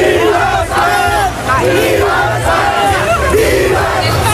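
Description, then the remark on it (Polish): A dense crowd of Spanish football fans in New York cheers and shouts in celebration after the final whistle of Spain's World Cup final win, many voices rising and falling together in a loud, continuous roar with occasional whoops and drawn-out yells. “Zaraz po ostatnim gwizdku w Nowym Jorku zaczęło się świętowanie.”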